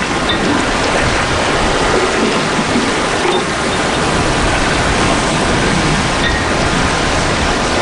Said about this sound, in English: It's raining now, but not much wind. Everything's settled, gray.